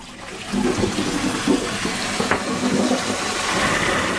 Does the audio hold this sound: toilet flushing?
yes